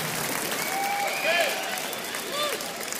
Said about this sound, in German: Lass mal Applaus machen.